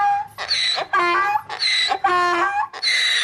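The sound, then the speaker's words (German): A donkey brays loudly on its own, a run of about five harsh, rasping hee-haw calls that rise and fall in pitch, one after another with short breaths between. “Der Esel, man hat den Traufer mit Glöckle”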